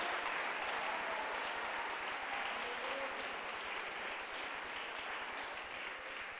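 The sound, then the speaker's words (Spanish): Sustained applause from an audience giving a round of applause to the Lord, a dense, steady wash of many hands clapping at full volume for several seconds with no one speaking over it. “Démosle un aplauso al Señor, pero démoselo con todo el corazón.”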